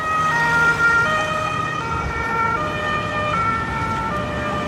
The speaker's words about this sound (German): Weil man fragt sich dann schon irgendwie, was ist hier los? Warum ist hier immer so viel Blaulicht und Sirenen?